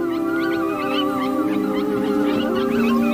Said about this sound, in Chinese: 那是狼标志性的、富有穿透力的呼唤。